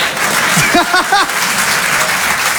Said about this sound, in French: Et toujours par applaudissement, qui trouve que j'ai un accent de merde?